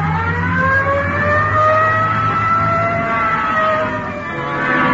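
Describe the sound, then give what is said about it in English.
A police car siren wails in long, slowly rising and falling sweeps, loud, over the steady low rumble of the car's engine as it pulls away on a Code 3 call with lights on, with no voices. “Code 3. Hit the light. Yeah, come on. Let's roll.”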